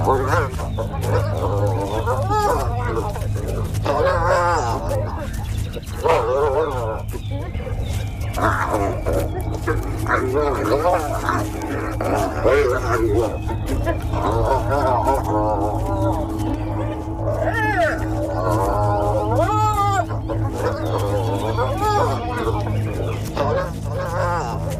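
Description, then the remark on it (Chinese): Spotted hyenas fighting as a clan leader and her daughter attack each other: a steady stream of high, wavering squeals, yelps and snarling cries overlapping one another above a constant low rumble, loud throughout with no pauses. “斑鬣狗首领将女儿驱逐出巢穴，这是一个极其具有象征意味的举动。”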